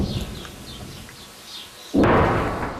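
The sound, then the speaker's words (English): Distant explosions echoing across southern Lebanon as Israeli troops push deeper to target Hezbollah strongholds: a low, rumbling boom gives way to a sudden loud blast that roars across the spectrum and slowly trails off, with no voices present. “Those distant explosions echo across the south as Israeli troops push deeper into the country to target Hezbollah strongholds.”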